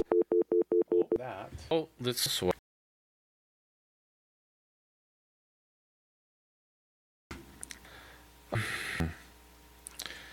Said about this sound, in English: I just hear a dial tone.